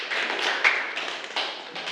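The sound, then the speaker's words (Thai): A group of students in a classroom claps steadily for about two seconds for a classmate, a dense, even patter of many hands with a few sharper slaps standing out. No one speaks over it. “ขอเสียงปรบมือให้กับเพื่อนหน่อยนะครับ”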